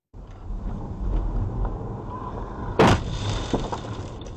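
A motorbike slams into a car with one sudden, loud crunching impact and a brief shatter, set against steady road rumble and wind buffeting that continue afterward.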